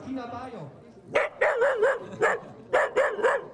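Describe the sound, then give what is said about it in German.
A dachshund barks in a quick, sharp series of about eight high yaps in uneven bursts, following a brief whining, whimpering sound at the start. “Also der Züchter, von dem ich sie bekommen habe, hat bei der Abholung gesagt, wenn ein Dackel in den Spiegel schaut, dann sieht er einen Löwen.”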